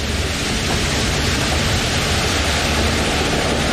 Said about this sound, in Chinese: 突然刮起了大风，风力变得越来越强劲。我的天哪！龙卷风的漩涡清晰可见